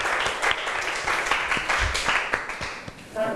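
A room full of children claps together, a dense burst of applause with scattered sharp hand claps that swells and fades over a few seconds, fairly close and lively.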